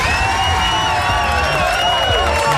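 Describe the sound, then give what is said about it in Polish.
An applause and cheering sound effect: a loud crowd cheers and whoops over a steady wash of clapping, with excited voices rising and falling throughout, continuous for a few seconds. “chyba nawet brawo!”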